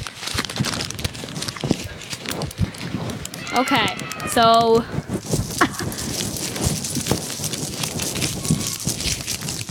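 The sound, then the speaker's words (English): Paper being ripped, a steady run of crackly tearing bursts throughout, with a short stretch of voices partway through. “Aurora's going to do some ripping of paper.”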